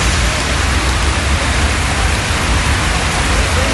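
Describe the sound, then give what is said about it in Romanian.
Heavy, steady torrential rain pours down in Craiova, Dolj county, in a dense, unbroken roar that stays loud and constant throughout, with no voices or other sounds breaking through. “Ploaia torențială a acoperit complet drumurile din Craiova.”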